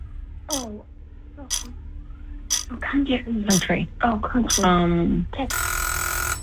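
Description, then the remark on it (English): Voices chatter and exclaim with rising, wavering tones, then a loud, steady, harsh quiz buzzer blares for about a second at the end, rich in buzzy harmonics. “Got the buzzer on that.”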